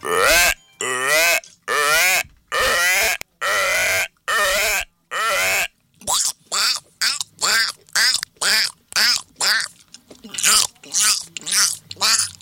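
A frog croaks over and over in loud, evenly spaced bursts, each a raspy harmonic call, the rhythm quickening slightly toward the end.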